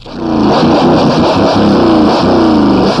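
Two motorcycles riding side by side roar by on a street, their engines loud and steady with shifting, overlapping revving tones throughout; no one speaks.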